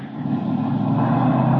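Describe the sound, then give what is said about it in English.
A car engine roars loud as the car carrying Benton speeds past, a steady rumbling drone that swells slightly over a second and a half, with no voices. “Benton in that car?”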